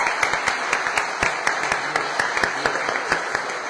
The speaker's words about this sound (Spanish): Y así que ahí a ella, la que es el centro, la que nos lleva a Jesús, yo creo que también merece un fuerte aplauso a la Virgen del Carmen.